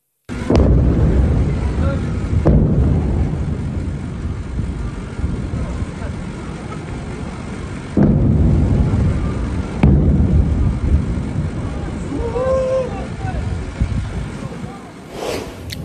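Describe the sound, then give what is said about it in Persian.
Several heavy explosions boom one after another at uneven intervals in Sirik, Iran, before dawn on 24 Tir, recorded in a viewer's video, each with a sudden sharp onset followed by a long rolling rumble. Faint voices are audible between the blasts. “ویدئوی رسیده از مخاطبی به ایران اینترنشنال وقوع چند انفجار رو در بامداد 24 تیر ماه در سیریک نشون میده.”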